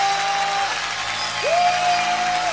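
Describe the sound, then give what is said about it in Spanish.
An audience claps and cheers in a dense, steady roar of applause, with a sustained high whistle-like note sliding up and holding over the crowd noise. “Levantemos nuestra voz con un grito de júbilo.”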